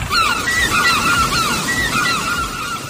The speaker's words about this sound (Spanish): ¿Una gaviota? Como sí.